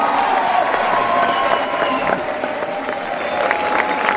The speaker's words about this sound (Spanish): Yo quiero un gran aplauso para el maestro Harrison Castrillón, que hizo este gran ensamble sinfónico, maestro.